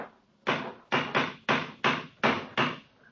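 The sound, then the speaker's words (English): A cane knocks hard against white stonework at a large, recently made chip, seven times in quick, slightly uneven succession, each blow a sharp, loud crack that fades quickly. No one speaks. “It's a hard knock.”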